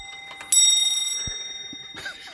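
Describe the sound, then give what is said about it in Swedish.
An 18th-century antique clock that also shows the date chimes once at a watchmaker's in Härnösand, Sweden: a bright metallic strike whose ringing tones linger and slowly fade, with a few soft clicks and knocks around it. “Det här är en väldigt gammal klocka som lät nu”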